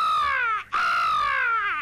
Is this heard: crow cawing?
yes